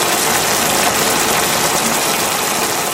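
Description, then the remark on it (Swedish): Bacon sizzles in a pan: a steady, loud, dense hiss peppered with fine crackles and pops that continues unbroken for the whole stretch, with no voices. “Det var bacon.”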